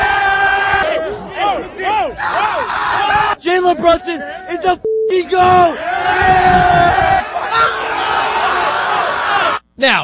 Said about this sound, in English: Listen to these highlights of Knicks fans just going crazy here. Check this out.